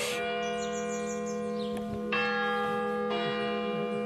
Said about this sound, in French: Voilà, la cloche sonne tous les quarts d'heure.